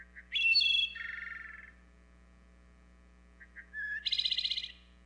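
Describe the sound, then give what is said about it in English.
Two clear, flute-like wood thrush song phrases, each opening with soft introductory notes and ending in a buzzy trill, separated by a short pause over a faint steady low hum. “We can help wood thrushes and forest birds everywhere by conserving and restoring woodlands throughout the Americas.”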